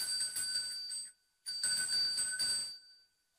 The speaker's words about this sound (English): Yeah, and then I've also got a gorgeous little bell, which is used for cleansing. Mm-hmm. So we might give it a little ding.